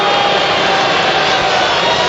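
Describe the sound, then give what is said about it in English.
A Rockies baseball crowd roars in a steady, dense wash of voices for about two seconds, loud and unbroken, with no single voice standing out, reacting to the pitcher's second disengagement move in a row. “You can see how much the, rather hear how much the yeah. Rockies crowd likes that second move in a row.”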